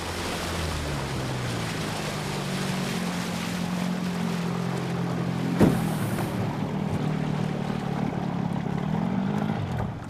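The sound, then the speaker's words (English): A small boat's engine drones steadily over rushing water and wash as it moves along a calm, sun-dappled river and moors up by the bank, with one sharp knock partway through. No one speaks. “Ellis steers the boat along the calm, sun-dappled river, and they moor up by the bank.”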